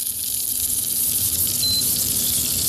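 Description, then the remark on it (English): Hot oil with spices and lemon is poured over feta cheese, producing a steady sizzling hiss that runs continuously for a few seconds with no one speaking. “So I'm taking this and I'm just pouring it over the feta.”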